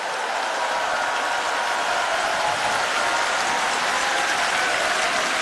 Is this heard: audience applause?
yes